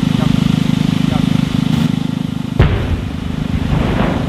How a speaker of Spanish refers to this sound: Bueno, esto que acabas de escuchar no es una cafetera que ha explotado, sino una explosión controlada, donde en Rumanía, para desviar agua del Danubio hacia la central nuclear de Cernavoda.